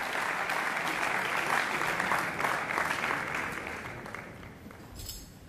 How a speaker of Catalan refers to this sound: Doncs aquests aplaudiments el recullen … i el seu trio, aquesta banda que estem sentint des de la Marató de Jazz de l'Auditori de Barcelona.